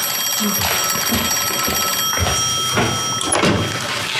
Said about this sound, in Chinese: 你怎么不接电话呀？ 你去接吧，要是警察厅来的，告诉他们我上班去了，等我。